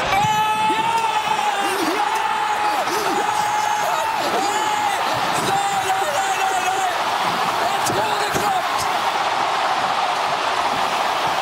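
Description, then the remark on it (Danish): A football crowd in Oslo roars as Norway scores against England in heavy rain, a dense, loud, unbroken wall of cheering voices with sustained shouted tones and occasional sharp bangs or claps cutting through. “Men endelig vores liveblog, der har vi altså fået en video fra Oslo, da Norge de scorer.”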